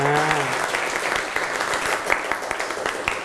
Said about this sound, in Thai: อ่ะโอเคปรบมือให้กลุ่มที่2นะครับ